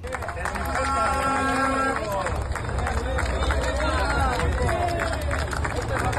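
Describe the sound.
Striking workers gathered at a strike clap scattered, uneven, ironic applause as buses arrive after 8 in the morning, over a steady hubbub of chatter and voices, with the low rumble and whine of a bus engine.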